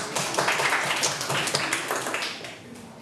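A group of students in a classroom claps steadily for about three seconds as group 3 is called up to present, a dense patter of overlapping claps that holds fairly even before tapering off slightly at the end.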